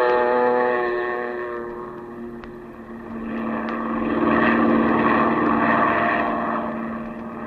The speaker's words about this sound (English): Then you wade out to the plane, and a few minutes later, you're skimming across the bay, headed toward the Gulf.